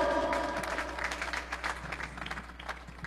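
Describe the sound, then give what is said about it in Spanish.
A crowd applauds for the visiting Caminando con Cristo community with dense, overlapping claps that stay steady for a few seconds, then thin slightly toward the end. No one speaks over it. “Quiero agradecer a la comunidad Caminando con Cristo, Tioche Yalak, mis queridos hermanos, fuertes aplausos.”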